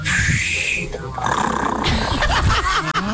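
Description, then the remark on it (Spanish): A voice imitates a rattling oscillating fan, the kind that "snores" as it turns and blows: a loud, continuous growling rasp that wavers and shifts in pitch as it sweeps, broken by a brief catch near the end. “El ventilador que ronca va volteando y va soplando, ¿cierto? Y cuando se va volviendo hace.”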